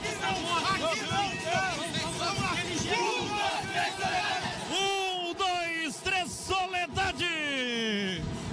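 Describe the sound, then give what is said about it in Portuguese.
The Soledade Futsal team shouts its war cry in unison before a Gauchão Série C quarterfinal futsal match in a gymnasium, with rhythmic bursts and sustained yells rising over a noisy crowd hubbub. “Vem grito de guerra do Soledade Futsal.”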